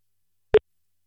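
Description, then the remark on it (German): A single short telephone tone, a brief steady beep of an outgoing call placed through a telephone program, sounds once, clearly and alone, with silence before and after. “Ramona, kannst du mal anrufen. So, da haben wir so 10. Gucken wir mal, ob sie wohl ans Telefon geht”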